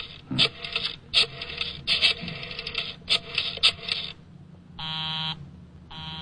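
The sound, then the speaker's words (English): A series of harsh, rasping bursts gives way to a telephone busy signal, a steady buzzing tone that pulses on and off in regular beats, with no voices. “Busy? He's probably left the phone off the hook, Inspector.”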